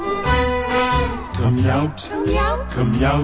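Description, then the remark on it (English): A person's voice imitates a cat's meow in a few drawn-out, sliding vocal calls, fairly loud, with short pauses between them. “come out, my pretty kitten, meow. Meow.”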